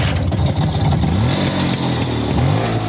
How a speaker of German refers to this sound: Familie Post aus Weimar hat aus der Garage den Berliner Roller herausgeholt.